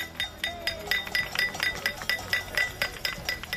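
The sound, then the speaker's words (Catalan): Many keys jingle and clink together at a street protest in Palma demanding that housing decrees pass in the Congress, a key-rattling version of pot-banging protests, in a steady, rapid shaking rhythm, bright metallic ringing repeating roughly every third of a second, with a faint crowd murmur underneath. “També s'hi han sumat les cassolades arreu de l'Estat, a ciutat en forma de repicada de claus.”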